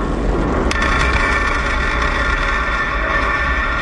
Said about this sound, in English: The Falcon 9 rocket launched from the Space Force base in California, and the payload separated from the rocket. You can hear the rocket coming back down and landing a few minutes after liftoff.